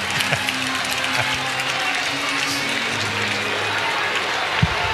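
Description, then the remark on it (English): A big crowd at a baseball game cheers and applauds a fan in the stands who made a catch off a ricochet, in a steady, dense roar that holds at an even loudness for several seconds, with a brief sharp knock near the end. “I thought that was you who made the catch and they were cheering.”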